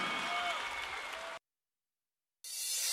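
A crowd applauds with dense, steady clapping that breaks off abruptly into a second of silence, then resumes with a thinner, brighter burst of applause.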